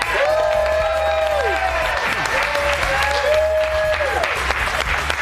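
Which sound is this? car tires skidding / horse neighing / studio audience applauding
studio audience applauding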